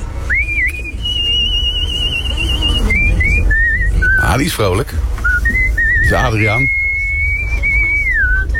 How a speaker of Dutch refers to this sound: Ja, het is juist hoor. Het is gespeeld op een toeter.